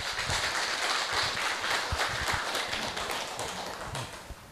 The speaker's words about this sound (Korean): 큰 박수로 조사님을 모십니다.